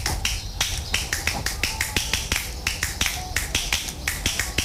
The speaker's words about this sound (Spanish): A ver, con dos es más difícil. Así, es como si fuera una espalda. Eso es muy difícil para mí. A ver. Wow. Parece como unas palmas dobladas. Anda. O... como si fuera una baqueta.